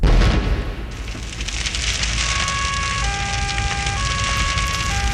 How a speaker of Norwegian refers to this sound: Utenfor hvilken Østfold-kommune ble det eksplosjon og brann på et tankskip denne uka her? Det er på Hvaler.